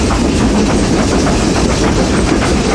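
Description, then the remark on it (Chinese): A loud, steady rumble of one of the world's last still-operating steam locomotives rolling along the rails in Hami, Xinjiang, China, with a dense roar and faint rhythmic clatter running through it, no voices. “世界上最后几列仍在运营的蒸汽机车，执着地奔驰在历史中。”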